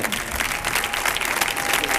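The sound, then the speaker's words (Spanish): An audience applauds steadily for two seconds for the performer, a dense, even wash of clapping that holds a constant, fairly loud level from start to finish, with no voices rising above it. “Fuerte el aplauso para ….”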